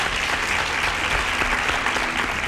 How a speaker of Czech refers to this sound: Ano, je to tak. Potlesk letí pro vás.